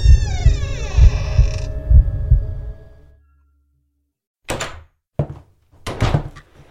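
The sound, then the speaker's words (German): A door creaks open inward with a long, loud groaning tone over low, throbbing thuds, then silence before a few sharp wooden knocks and thunks. “Und mit einem lauten Knarren öffnete sich die Tür nach innen.”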